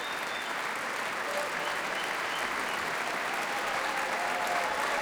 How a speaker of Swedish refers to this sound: Det applåderas fortfarande här i Berwaldhallen där P2 alltså sänder direkt.